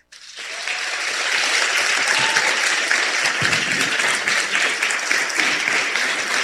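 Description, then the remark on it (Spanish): An audience breaks into loud, sustained applause opening the evening event Voces de Gratitud, starting abruptly and holding steady, a dense wash of many hands clapping at once, enthusiastic. “Comenzamos con un fuerte aplauso.”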